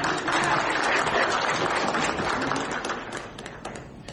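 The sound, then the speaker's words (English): An audience applauds to welcome a speaker to a session, dense overlapping claps at steady loudness before gradually thinning out toward the end. “A big round of applause.”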